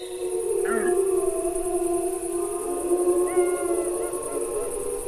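Several adult wolves howl together in long, deep, overlapping tones to communicate with others of the pack, holding steady pitches for the whole stretch while a few higher wavering howls join in near the end.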